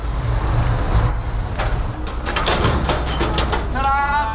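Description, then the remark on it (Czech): A heavy military truck idles with a deep engine rumble and a short high air-brake squeal, then a flurry of clattering thuds and scuffs as about 20 active reserve soldiers quickly climb down during an exercise at the Flora water reservoir in Prague. A brief whine rises at the end. “Z nákladního auta vyběhlo asi 20 vojáků aktivní zálohy.”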